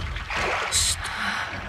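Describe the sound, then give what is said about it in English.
Oars rowing a dory through water: a continuous churning wash with one sharp, bright splash of a stroke midway, then a smaller splash just after. “Is that the sound of oars?”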